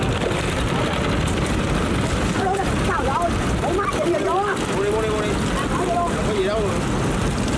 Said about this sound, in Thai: ต้องชมกันจริงๆนะครับว่าเขาขับเรือกันได้เก่งมากๆอย่างเรือเล็กๆที่แทรกอยู่ในตลาดขายส่งยังมีเรือขายซาลาเปาของคุณยายเรือขายชาขายกาแฟขายน้ำ